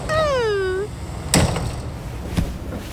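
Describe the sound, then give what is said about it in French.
Train doors on a moving train opening and closing by themselves as Toudou plays with them: a gliding warning tone sounds first, then two sharp, fairly loud clunks about a second apart over a steady low rumble. “Attention, Toudou, il ne faut pas jouer avec les portes, tu vas te pincer les doigts.”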